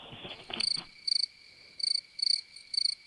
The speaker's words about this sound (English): Yeah, crickets.